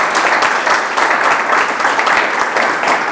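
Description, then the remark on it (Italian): Steady, dense applause from many hands, a continuous loud crackle of clapping that holds at an even level throughout without voices over it. “E invece adesso devo dire che sei veramente esplosa nel senso positivo del termine, quindi ti faccio un applauso veramente.”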